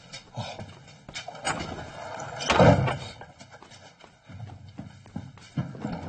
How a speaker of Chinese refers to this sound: 关门。